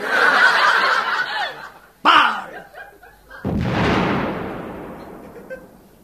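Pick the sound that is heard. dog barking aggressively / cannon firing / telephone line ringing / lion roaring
cannon firing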